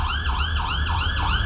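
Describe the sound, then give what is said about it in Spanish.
Fire station sirens in Colombia, activated at 7:34 in the morning to honor the memory of the dead, wail loudly in a fast, repeating rise-and-fall pattern, several cycles each second, with a steady low rumble underneath and no voices. “Las sirenas en las estaciones de bomberos se activaron.”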